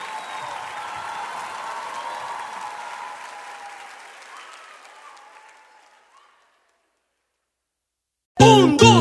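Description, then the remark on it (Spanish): A crowd applauds steadily for Venezuela, the clapping gradually fading out over several seconds into silence, followed by a sudden loud burst of music or voices at the very end. “Un aplauso para ese Venezuela maravilloso.”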